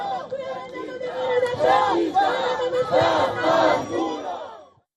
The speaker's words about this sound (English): after which protesters yelled shame at the ambassador, the mayor and the riot police.